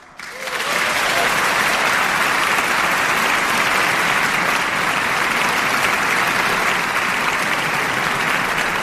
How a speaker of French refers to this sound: Comment vivez-vous, Juliette May, le moment des applaudissements et des saluts ? Les applaudissements, il faut savoir les vivre, en fait.